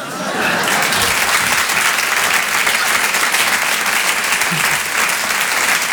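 Steady, loud audience applause fills the whole stretch, a dense wash of many hands clapping without pause or any voices rising above it.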